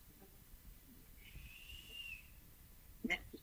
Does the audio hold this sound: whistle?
yes